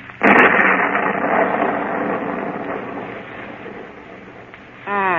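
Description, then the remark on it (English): A sudden loud crack of thunder from a strengthening storm gives way to a long, rolling rumble that slowly fades over several seconds, and a voice starts speaking right at the end. “Storm is coming up stronger now.”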